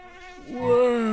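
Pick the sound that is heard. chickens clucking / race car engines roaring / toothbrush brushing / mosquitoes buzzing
mosquitoes buzzing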